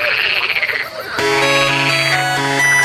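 A short burst of warbling, pulsing frog croaks, close and fairly loud, cut off after about a second by a loud, steady, tonal musical sound that fills the rest.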